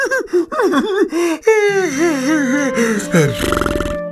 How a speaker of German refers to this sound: … erzählt ein Märchen, gähnt aber ständig dabei und lässt halbe Sätze unvollendet.